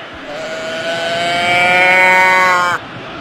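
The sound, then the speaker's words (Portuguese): During a football match commentary (São Paulo vs Bolívar at the Morumbis), a person imitates a cow's moo with one long, loud, drawn-out call that rises slightly in pitch over about three seconds, then cuts off abruptly. “Como é que é a vaca?”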